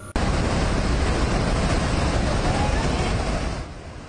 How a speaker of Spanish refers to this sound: Tres miembros de una familia quedaron atrapados en el balcón de esta casa de dos pisos, mientras una enorme corriente de agua, lodo y escombros destruía todo a su alrededor.